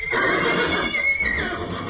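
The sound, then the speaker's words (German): A horse neighs loudly, a single shrill, quavering whinny lasting about two seconds, heard on its own with no talking. “Pferd. Weil die auch so super süß aussehen mit ihrer Schnauze.”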